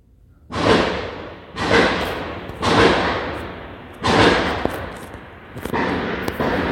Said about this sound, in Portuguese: Disparos de calibres, né, Bianca? Potentes, grosso calibre, né? De grosso calibre.